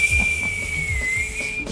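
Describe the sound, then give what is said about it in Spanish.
A person whistles one long, high, slightly wobbling note that sounds a bit off-key, held steadily for under two seconds over a low background rumble. “Hasta con el chiflido desentona, hombre.”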